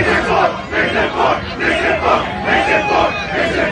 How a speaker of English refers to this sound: That's an aggressive chant. I'm being told they would have said Nixon 5, but they can't count that high.